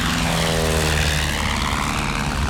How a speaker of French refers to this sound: Un mécanicien tourne l'hélice. La carlingue vibre. L'état de ferraille roule sur la piste. Il prend de l'élan, il quitte le sol. Ça y est ! Il décolle !